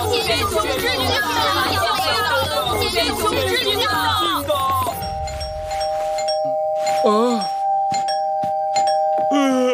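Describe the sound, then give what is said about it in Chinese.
Busy, overlapping crowd chatter fills the first half, then a doorbell rings at five o'clock with a clear, sustained chime that lingers to the end while a few voices carry on over it. “现在才5点，这个时候跑来按门铃。”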